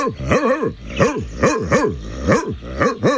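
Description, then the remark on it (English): A dog barks repeatedly, about seven loud woofs in quick steady succession, each with a rising-then-falling tone and a slightly rough, growly edge. “No, I'm just barking. I'm a dog.”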